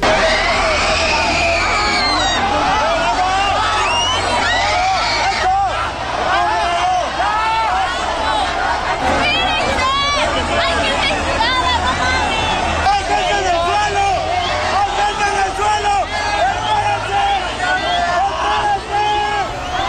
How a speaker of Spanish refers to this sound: Y también hay otros videos que captaron parte de este momento, la angustia, los gritos de la gente que decía pues que no se empujaran, que no siguieran avanzando porque había gente tirada.